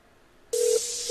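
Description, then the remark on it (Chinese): As someone places a phone call, after a brief quiet moment an electronic telephone tone cuts in abruptly and holds steady to the end, a single low beep backed by a bright hiss. No one speaks. “等我啊，等我打个电话啊。”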